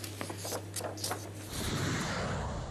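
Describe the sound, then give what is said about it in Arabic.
Several sharp explosion blasts crack out in quick, uneven succession over a low steady hum, then give way to a sustained broad rumbling roar; moderately loud, with no one speaking. The explosions come from US strikes on Iranian military sites linked to missiles and naval capabilities near the Strait of Hormuz. “يكسر دوي الانفجارات هدوءا نسبيا حاولت واشنطن الحفاظ عليه منذ يوليو الماضي، لكنه لم يصمد أمام الميدان.”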